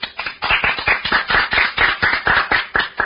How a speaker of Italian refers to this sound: Applauso in distorsione. E grazie.